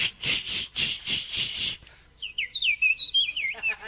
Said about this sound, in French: Et ça, c'est qui, ça? C'est la petite fauvette à tête noire.